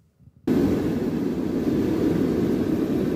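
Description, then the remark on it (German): After a brief quiet moment, a loud, steady roar of rushing air and engine noise suddenly fills an aircraft cabin after a window pane shattered and cabin pressure dropped on a flight from Greece to Germany, and continues without letup. “Und plötzlich ist es richtig laut im Flugzeug.”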